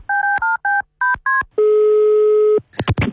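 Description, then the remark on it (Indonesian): A quick sequence of six electronic keypad tones, each a short two-pitch beep, as a phone call is placed again, followed by a steady one-second ringing tone, then a few clicks and crackles as the line connects. “Kita telepon lagi, Uni.”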